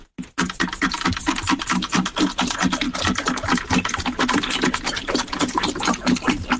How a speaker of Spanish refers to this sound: Claro, yo ahora solo escucho al perro bebiendo agua. Claro, yo ahora ya solo escucho al perro bebiendo agua. Sí, sí, sí. Sí, sí, parece. Sí, parece, sí.